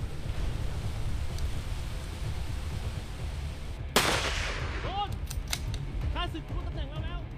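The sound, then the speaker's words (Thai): Gunfire from a tactical shooting scene in a short film promoting the 10th-anniversary Marine Tea Gun 2026 tactical shooting competition of the Royal Thai Navy Marine Corps command, acted by real marines from its reconnaissance battalion: a steady rushing background, then one loud sharp gunshot, followed after a pause by a quick irregular burst of several more cracking shots. “ผู้โพสต์คลิปต้นฉบับชี้แจงว่าคลิปนี้เป็นภาพยนตร์หนังสั้นเปิดตัวการแข่งขันกีฬายิงปืนทางยุทธวิธีในโอกาสครบรอบ10ปี Marine Tea Gun 2026ของหน่วยบัญชาการนาวิกโยธินกองทัพเรือประจำปี2569ครับ”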